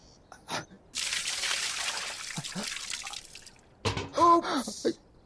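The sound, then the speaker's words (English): Water is spilled onto the ground in a steady pour lasting a few seconds, with short vocal sounds just before it and a voice speaking soon after. “You would like water?”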